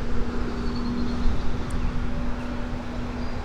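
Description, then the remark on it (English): Steady outdoor wind at Herrenhaven rumbles and buffets across the microphone, a dense low roar with slight gusting swells and a faint constant hum underneath. No one speaks. “Well, it's going to be windy out here.”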